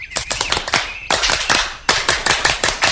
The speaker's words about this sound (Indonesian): Perhatian untuk Regu Singa. Tepuk pramuka.